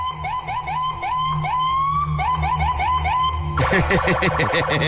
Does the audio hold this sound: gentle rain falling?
no